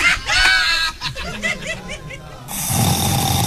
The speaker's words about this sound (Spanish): … ronca más duro.